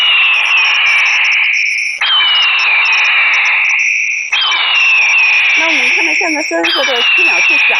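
A solar-powered, high-volume flashing bird repeller blares imitation large-eagle calls to drive away birds such as pigeons: four long, harsh, descending screeches in quick succession, loud and shrill, over a thin, steady high-pitched electronic whine.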